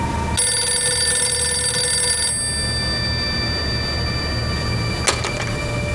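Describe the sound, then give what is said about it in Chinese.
A telephone at a gendarmerie regiment headquarters rings in one sustained, bright metallic burst lasting about two seconds, then stops; a low rumble continues underneath, and a short sharp click follows a few seconds later. The call is from Miyamoto of the Japanese special service agency. “喂，宪兵团团部，日本特务机关宫本的电话，接吗？”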